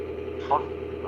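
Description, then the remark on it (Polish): A steady low mechanical drone, like an engine or tractor idling, hums continuously in the background of a phone call from Podkarpacie, Poland, with a brief higher tonal blip partway through. “No to o 22 traktor po polu jeździ? Czy jakaś tam piła pracuje?”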